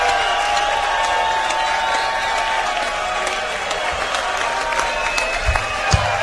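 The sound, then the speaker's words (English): A large festival audience applauds and cheers in a steady, dense wash of clapping that holds at a fairly even loudness for several seconds, with scattered shouts rising above it. “Let's give Joe and everyone else who has worked so hard to put this festival on a gigantic round of applause.”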